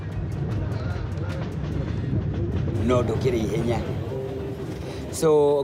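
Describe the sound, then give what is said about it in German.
A passenger train on the run to Nanyuki rolls along the rails with a steady, low rumbling drone throughout, while people's voices talk over it toward the end. “Ein Musiker, der gerne mit diesem Zug fährt.”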